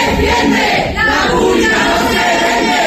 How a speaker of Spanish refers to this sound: La protesta ha impedido la intervención del consejero de universidades, Jorge Paradela, a quien los alumnos han increpado con gritos en defensa de la enseñanza pública.